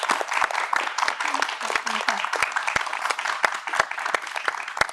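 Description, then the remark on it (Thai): Steady applause from an audience at an award ceremony fills the whole stretch, dense overlapping claps with a few sharper, louder individual claps standing out, holding a fairly even level throughout. “ขอเสียงปรบมือให้ด้วยนะครับ”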